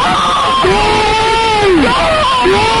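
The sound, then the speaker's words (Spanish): A football crowd of Zaragoza supporters roars in celebration of a goal, a loud, dense wall of cheering with long sustained shouts rising and falling above the din throughout. “¡Gol! También podría ser yo gritando. Cambia tu vida y la de todos los aficionados de Zaragoza.”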